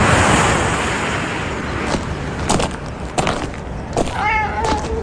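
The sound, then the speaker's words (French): A stray cat gives a single short meow that rises near the end, in the village of Soa in rural South Korea. It is heard over a steady wash of outdoor noise like surf or wind, with a few scattered knocks and clicks. “Alors nous sommes à Soa, ici il y a presque autant de chats errants que d'habitants.”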